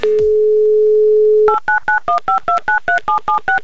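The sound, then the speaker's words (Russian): A steady, loud dial tone hums for a moment, then gives way to a quick run of about eleven short, evenly spaced touch-tone beeps, each a slightly different pitch, as a number is dialed to call a contestant in the city of Tula. “Давайте попробуем до нее прямо сейчас дозвониться.”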